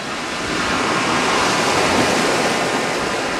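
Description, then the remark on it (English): A steady, broad rush of ocean surf washes in on the beach at Newquay, with the tide out under a blue, sunny sky, swelling slightly after the first half-second and holding at a loud, even roar with no voices. “A team from Constant Wonder met up with him at his offices in Newquay, overlooking the beach. The tide was out, and since the sky was blue and sunny, the exposed sand gleamed”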